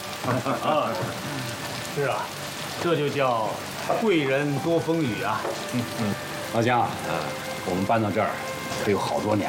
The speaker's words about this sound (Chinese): 好多天没下雨喽，你一来啊，这雨也来了。啊，是啊，这就叫贵人多风雨啊。